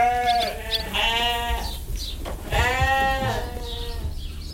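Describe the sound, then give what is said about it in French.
Several ewes on a farm bleat loudly, their wavering, nasal calls overlapping in a continuous chorus with brief gaps between cries, over a low background rumble. “Alors, c'est vrai qu'ici, sur la ferme, vivent les brebis, les vaches”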